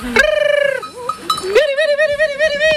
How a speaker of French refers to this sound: Les 75 brebis le talonnent, elles sont pressées d'arriver au pâturage. Elles savent qu'à chaque fois qu'on déambule comme ça, c'est pour aller sur des parcelles neuves,